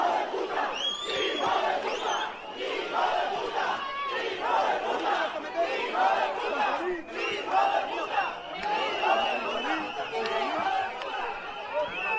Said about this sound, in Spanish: Los ceutíes que estaban en esa delegación de gobierno se dirigieron a ese hotel y estos fueron los gritos, que las proclamas que estaban lanzando los ciudadanos de Ceuta.